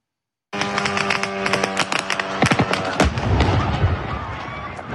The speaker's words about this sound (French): cette séquence dont je vous parlais, hein, ce drone qui a frappé l'entreprise, l'entrepôt de commerce en ligne russe Ozone.